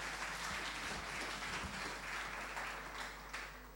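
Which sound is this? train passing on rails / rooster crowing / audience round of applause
audience round of applause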